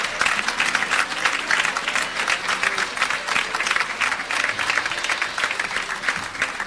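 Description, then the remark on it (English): Sustained applause from a large audience at a national prayer gathering, given as praise to God, a dense wash of clapping hands that stays steady and full for several seconds without pause. “And so with that thought in mind, I ask us to please give our God a round of applause.”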